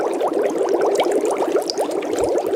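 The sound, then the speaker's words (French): Dense, continuous bubbling of boiling water in a kettle, with many quick gurgling pops tumbling over one another at a steady, fairly loud level throughout, with no voices. “Alors oui, ce sont des bulles.”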